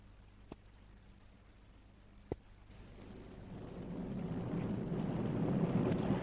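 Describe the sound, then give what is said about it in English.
A ship's low, steady engine hum with two sharp knocks, then howling storm wind at sea swells and keeps building into a loud, rushing roar battering the ship. “Don't you think I've enough to do in the engine room, Skipper, without having to fight my way up to the bridge in weather like this?”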